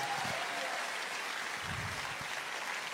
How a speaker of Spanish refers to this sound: Dale el aplauso al Señor que está vivo.